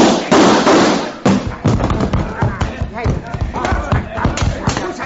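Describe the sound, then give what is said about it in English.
A loud burst of gunshots opens the scene, followed by a rapid, irregular rattle of smaller bangs and thuds that keeps going without letup. “Fire. Now, drop those guns.”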